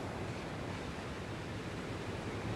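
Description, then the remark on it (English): A steady, dense wash of ocean surf at the end of a music track, a constant hissing roar with no distinct breaking waves, holding an even moderate level throughout with no voices. “Sounds like it might just be waves.”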